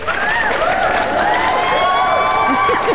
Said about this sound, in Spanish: Sí, ponme unos aplausos o algo.